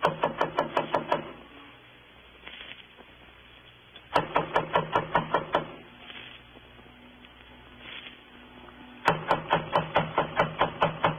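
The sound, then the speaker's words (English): Three bursts of rapid, sharp knocking on a door by police, each a quick run of about eight to ten firm raps, separated by pauses of a few seconds with only low background hum. “Just knock on the door, huh, Dennison?”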